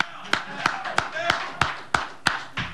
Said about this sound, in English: We clap for Jose. I know a lot of you guys can't because you're in the media and you got to be neutral, but I'm going to clap for Jose.